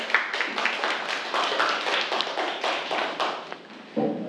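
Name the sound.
students clapping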